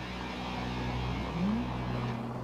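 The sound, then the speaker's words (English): A drift car's engine drones steadily on the frozen Dnieper River in Kyiv, Ukraine, its low hum briefly rising in pitch as it revs, with no voices. “The small but dedicated drift community often makes use of spontaneous parkour opportunities, like the frozen Dnieper River in Kyiv.”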